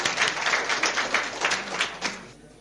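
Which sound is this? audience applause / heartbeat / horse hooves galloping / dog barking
audience applause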